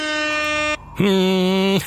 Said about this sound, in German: Das ist das schönste Geräusch, ne? Die Tröte.